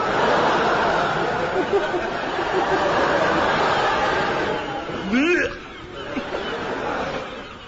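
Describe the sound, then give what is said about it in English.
Gulls call out over a steady wash of outdoor noise, their cackling cries mixed into the din, with one clearer rising squawk standing out near the end. “Pigeons, you idiot, they're gulls.”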